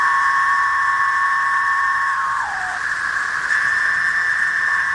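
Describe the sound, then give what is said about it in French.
A loud, unbroken chorus of cicadas emerging in their millions almost at the same time drones for the whole stretch. It is a shrill steady whine layered over a hissing buzz, with one tone briefly sliding lower midway through. “et des millions, parfois des milliards de cigales émergent presque en même temps.”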